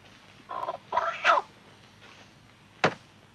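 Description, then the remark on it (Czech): A rooster crows in three quick, broken bursts, then after a short pause a single sharp chopping thud lands. No one speaks. “Sotva Makitka na špalku usekla Kohoutkovi hlavu, hned mu zase přiskočila zpátky a Kohout si kokrhal, jako by nic.”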